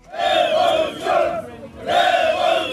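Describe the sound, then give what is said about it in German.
A protest crowd at a demonstration in the Albanian capital Tirana chants in loud, rhythmic bursts, many voices shouting together in unison, with short dips between the repeated chants. “Seit rund 40 Tagen wird in der albanischen Hauptstadt Tirana demonstriert.”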